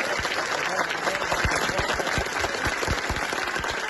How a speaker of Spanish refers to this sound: Aplausos, abrazos y palabras de agradecimiento con los voluntarios que día y noche han colaborado con la atención a los desalojados en los centros de acogida de Talavera.